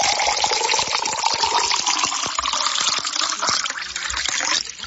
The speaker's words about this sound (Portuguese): Agora é aquela hora importante, viu? Aquela hora que muita gente gosta de escutar esse barulhinho da água, né? É hora boa de tomar uma aguinha, né? Vamos tomar? Vamos! Coisa boa essa água. Mais um copinho para não ficar na vontade, né?